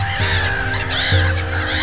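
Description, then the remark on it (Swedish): A flock of black-headed gulls calling together, their harsh, squawking cries overlapping in a loud, continuous chorus with a few sharper calls standing out, and no one talking. “Skrattmåsar, minst 7, ja kanske 8 stycken.”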